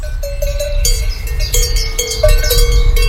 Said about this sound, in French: Tu te retrouves devant une prairie avec des vaches possédant des cloches. Découvrons la vache tarentaise.